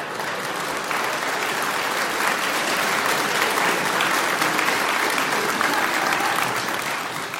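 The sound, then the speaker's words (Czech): Steady audience applause fills the whole stretch, a dense wash of many hands clapping at an even level, with no voices standing out. “Vy tleskáte ze slušnosti nějak.”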